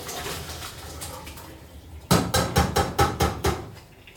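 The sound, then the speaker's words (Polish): Water pours and splashes briefly as hot boiled cabbage is drained from a pot into a colander, followed by about seven sharp, evenly spaced metallic clanks of cookware. No one speaks. “Jeśli taka jest, spokojnie możemy odcedzić.”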